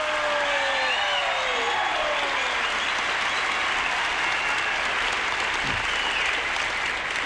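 A crowd claps steadily in dense, continuous applause for about seven seconds, with a few faint whistles rising early on and no voices speaking.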